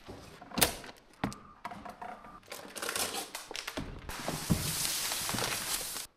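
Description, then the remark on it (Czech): A ballot box being opened at a polling station in Bořetín, Pelhřimov region, Czech Republic, after polls close at 14:00, to count the ballots: a few sharp clunks and knocks, then scraping and shuffling, ending in a sustained rustle like paper slips being handled, with no voices. “Teď akorát budeme otevírat schránku a budeme počítat všechny lístky.”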